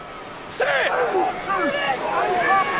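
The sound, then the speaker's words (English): A big rugby stadium crowd of Hurricanes supporters roars in a steady wash of noise, with scattered shouts and rising calls cutting through as the tension builds while a scrum is reset. “Hurricanes crowd expectant.”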